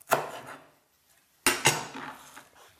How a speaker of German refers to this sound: So ungefähr 10 bis 20 Gramm Kräuter kann man dazu hernehmen. Die Stängel gebe ich weg. Damit es der Mixer leichter schafft, macht man es ihm leichter, indem man ein bisschen klein schneidet.